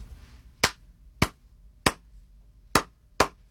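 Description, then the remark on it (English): Five crisp hand claps tap out a syncopated clave pattern: three evenly spaced claps, a short pause, then two quicker ones. The claps are sharp and bright over a quiet background, with no talking. “Could you clap one for us?”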